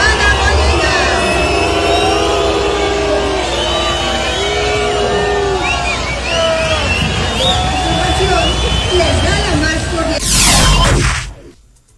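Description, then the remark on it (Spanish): A large crowd at a World Cup celebration boos Mexico City head of government Clara Brugada loudly and continuously, many overlapping voices forming a dense roar, followed by a sharp burst of noise before the sound cuts away. “No, sí fue abucheo.”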